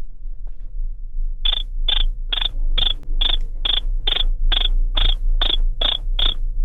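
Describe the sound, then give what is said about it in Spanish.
A person imitates a cricket with twelve evenly spaced, high-pitched chirps in a steady rhythm, fairly loud over a low background hum, with no talking. “haz como el grillo.”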